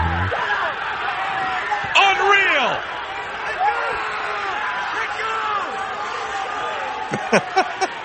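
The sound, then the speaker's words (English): A loud, steady sports crowd roar after a goal by Quintos fills the whole stretch, with an excited commentator's voice shouting over it and a few sharp thumps near the end. “You can hear the crowd.”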